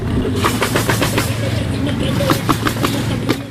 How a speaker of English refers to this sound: Ah, there's the nail gun.